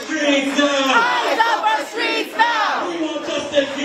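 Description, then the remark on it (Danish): A large street crowd in the Bronx, New York, protesting after ICE agents shot and wounded a man in his car, shouts and chants together in loud, continuous overlapping voices, rising in rhythmic surges, with no single speaker standing out. “Det har skabt protester i New York i USA, at ICE-agenter sent i aftes dansk tid skød og sårede en mand, mens han sad i sin bil.”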